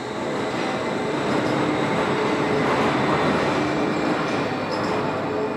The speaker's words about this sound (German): Und mittendrin schlängelt sich die Schwebebahn über die Wupper. Auf ihrem Stahlgerüst von 1901.